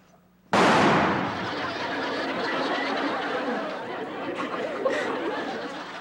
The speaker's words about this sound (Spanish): ¿ya viste cómo truena de fuerte mi rifle?